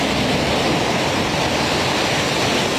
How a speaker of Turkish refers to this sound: Yeni bir görüntü yine ajanslara yansıyan metro istasyonunu görüyorsunuz. İstanbul'da etkili olan sağanak yağış nedeniyle Hacı Osman metro istasyonunda metronun tavanından içeriye suların aktığını